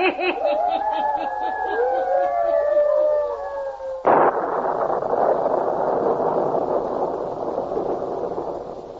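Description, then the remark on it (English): Eerie howling wind with rising and falling whistles, then a sudden loud thunderclap that breaks into a steady roar of heavy rain and rumbling storm noise. “Matter of a small electrical storm should not trouble you all, sir.”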